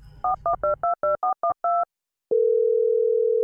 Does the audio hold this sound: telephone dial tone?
yes